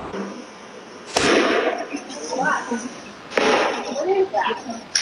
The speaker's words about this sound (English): You can hear the gunshots ringing out in security camera footage shortly after 8 p.m. as the chaos unfolded. Thousands ran for their lives when the vibrant festival celebrating Latin culture took a deadly turn.